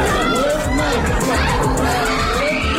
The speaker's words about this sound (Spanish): Son los gritos de la familia de un niño de 3 años al que Israel ha matado en su último ataque contra la franja. Han muerto este niño y un adulto.